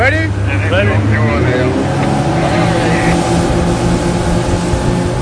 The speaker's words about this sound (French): L'Ocean Viking se prépare pour le sauvetage. Ni une ni deux, trois canots à moteur sont envoyés à l'eau.